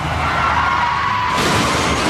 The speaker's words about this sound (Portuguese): Chefe está capotando.